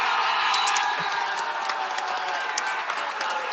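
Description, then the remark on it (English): A large stadium crowd of Canada fans on their feet roars and cheers continuously after Canada scores a goal, waving Canada flags, a dense wall of applause and shouting with scattered whoops rising above it, loud and sustained throughout. “Everybody's going up on their feet, cheering, waving that Canada flag.”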